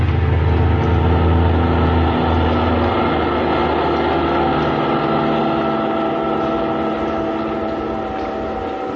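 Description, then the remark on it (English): A car engine runs steadily, a loud, continuous drone with a deep rumble and humming overtones that eases slightly toward the end. No one speaks. “Kismine in the car that needed no roads.”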